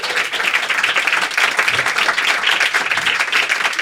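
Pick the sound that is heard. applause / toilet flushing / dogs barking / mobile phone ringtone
applause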